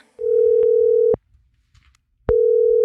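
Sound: telephone ringing tone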